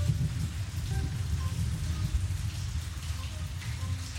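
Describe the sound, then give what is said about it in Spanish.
Steady rain falls without a break, a dense hiss spread across the whole clip with a deep, rumbling low end underneath, and no voices. “Hoy acá está lindo, está lloviendo,”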